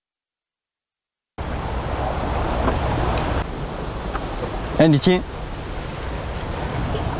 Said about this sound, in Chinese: 这边确实声音比刚刚那边明显。 是，它就是这个浪拍打，一个是这个浪拍打的声音，还有这个浪感觉这个流到了这个一个洞穴里面，然后产生这个共响。